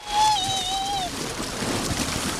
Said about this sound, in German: Wasserrutsche runter. Mega, oder? Bei 30 Grad. Kann man mal ganz gut machen, rein ins kühle Naturwasser. In der Herpine in Halver.